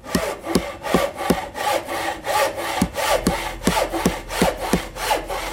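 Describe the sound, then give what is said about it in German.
A hand saw cuts through wood as the Greeks build the wooden Trojan Horse, in steady back-and-forth strokes, each rasping pass bright and loud, repeating about twice a second with no voices. “Und so begannen die siegessicheren Griechen ruckzuck damit, mich zu bauen.”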